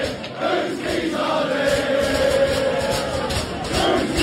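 A large stadium crowd of Arsenal football fans roars steadily, thousands of voices blending into a loud, continuous wash of cheering with a rising, sung chant carried through the middle.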